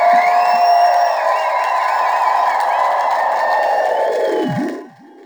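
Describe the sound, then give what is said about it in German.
A large audience claps and cheers at the end of a concert, a dense, steady wash of applause with whistles on top that stays loud, then drops away abruptly near the end. “Man hört schon, wie die Leute klatschen.”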